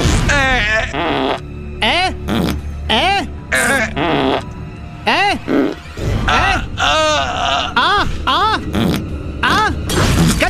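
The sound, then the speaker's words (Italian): A man groans and moans loudly in a long string of strained, wavering bursts, like a dying man's theatrical death rattle, with brief gasping pauses between, as he lies on the ground. “Caduto a terra, morto. Qual è il segreto? Sdraiarsi a terra, rantolare.”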